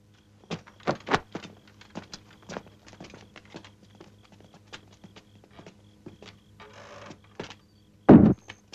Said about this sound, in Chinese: 我踢开门，请您进去。